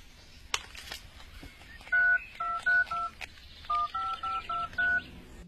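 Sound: telephone keypad dialing tones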